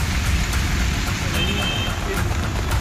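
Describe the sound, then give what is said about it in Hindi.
Torrential rain pours down in a dense, unbroken hiss that stays loud and steady throughout, with a low rumble like passing traffic underneath; continuous heavy rain in Surat city since early Friday, flooding many low-lying parts of the city. “लगातार हो रही तेज बारिश के कारण शहर के कई निचले हिस्सों में जलभराव की गंभीर समस्या उत्पन्न हो गई।”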